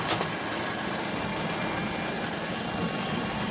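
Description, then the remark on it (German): A steady, loud mechanical roar of a French Navy helicopter's engine and rotor during an operation to stop a speedboat, unbroken, with a dense rushing hiss and a low rumble underneath and no voices. “Die französische Marine schießt aus dem Helikopter aus auf die Motoren, um es zu stoppen.”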